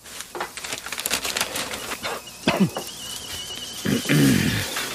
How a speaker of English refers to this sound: The kettle's on. Would you like a cup of tea, love?